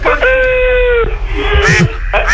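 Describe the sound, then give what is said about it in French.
A loud duck quack on a farm, at the poultry yard: a nasal, drawn-out call lasting almost a second, followed by softer rustling and then another brief quack at the end. “Allez, c'est le poulailler, hein. C'est la ferme. Canard.”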